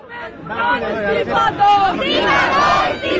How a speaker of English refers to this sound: I've heard lots of slogans being shouted, calling for the education minister Dharmendra Pradhan to resign, which of course is the key main first demand that these protesters are making.